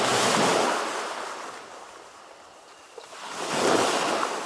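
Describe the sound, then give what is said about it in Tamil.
Ocean waves break on the shore in broad, hissing swells, loud at first, easing into a softer wash, then surging again as the next wave rolls in. No voices. “ஒவ்வொரு அலையும் கரையை தொட்டுவிட்டு திரும்பும் போது ஒரு புதிய கதையை பழைய நினைவோடு கலந்து சுமந்து கொண்டு செல்கிறது.”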